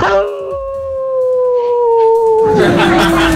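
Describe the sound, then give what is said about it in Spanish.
A dog lets out a long, sustained wolf-like howl, its steady tone holding for a few seconds before breaking off into noisy rustle near the end. “Se cree lobo.”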